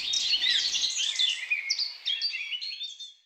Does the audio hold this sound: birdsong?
yes